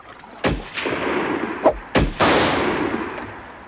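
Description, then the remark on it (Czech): Three or four loud gunshots crack out in irregular succession, fired at a Huron on the riverbank who is shooting arrows, each followed by a long rumbling, booming tail that hangs in the air between shots; no voices are heard. “Pozor, šíp! Málem nás zasáhl. Střílejte!”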